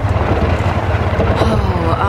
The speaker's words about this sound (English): Something's wrong with the car. You better pull off. Oh, great! Oh, the engine died.